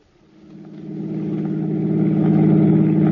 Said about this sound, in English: drove toward the George Washington toll bridge, across the Hudson River in Siegel's car, with the third criminal, Bud Aldridge, following in their own car. Within a few minutes, they were on the approaches to the bridge and nearing the toll gate.